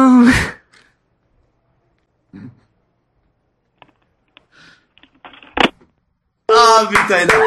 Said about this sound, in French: Ah, putain, il a... J'arrivais plus, excusez-moi. C'est lui qui prend sa grosse respiration.